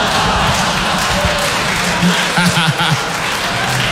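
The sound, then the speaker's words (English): An audience applauds steadily for about four seconds, a dense, even wash of clapping with a few voices briefly audible in the crowd partway through. “Oh, yes, clap for loneliness.”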